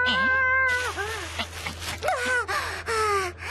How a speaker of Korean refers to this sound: 웬 고양이가 가방을 물어가서 쫓아갔다 온 거야. 그때 그 도둑 고양이인가 보다. 도둑 고양이.